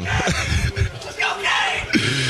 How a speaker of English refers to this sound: Teammates shouting him up here in the locker room.